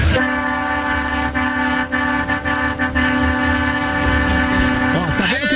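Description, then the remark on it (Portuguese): A loud, sustained horn blares nearly nonstop for about five seconds, rich and brassy like a train or truck horn, honked as part of a honking rally (buzinaço), then cuts off as a voice briefly starts talking. “Pega essa buzina aí! Tá vendo só? Eles querem jogar. Mais um, buzina aí, buzina aí.”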